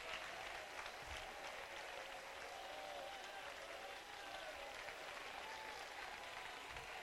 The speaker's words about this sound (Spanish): Vamos, si usted lo cree conmigo, aplauda fuerte.